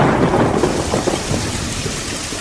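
Heavy rain pours down steadily while a deep roll of thunder rumbles underneath, a loud, continuous storm with no voices.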